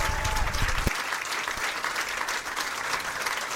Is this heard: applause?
yes